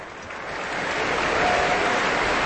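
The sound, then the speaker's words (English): A large concert audience, standing, applauds in a dense, continuous wash of clapping that swells slightly louder, with faint cheers mixed into the steady roar, for conductor Dima Slobodeniuk and the Aspen Festival Orchestra. No one speaks. “The audience is standing, warmly applauding and cheering Maestro Slobodeniuk and the orchestra.”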